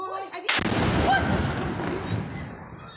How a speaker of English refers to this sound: The RSF targeted a weapons depot, causing several powerful explosions.